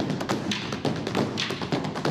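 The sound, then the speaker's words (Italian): Rhythmic stomping and tapping percussion from a live stomp show, a steady run of sharp taps and heavier thuds repeating at a brisk pace, loud and continuous with no voices. “La cosa che mi piace degli stomp è che possiamo esibirci in qualsiasi parte del mondo perché usiamo il ritmo come linguaggio per comunicare.”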